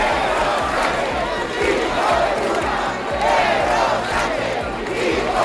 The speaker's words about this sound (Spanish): cientos de personas han salido también aquí en Santiago a la calle al grito de Sánchez dimisión y entre insultos al presidente del gobierno.